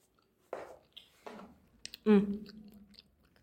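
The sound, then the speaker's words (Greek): A voice imitates crunchy chewing and munching: a few close, breathy crunch bursts followed by a louder, voiced munching sound, with soft clicks in between. “Εκείνη τη στιγμή ακούστηκε ένας ύποπτος θόρυβος. Κράτς, κρούτς και μασουλήματα.”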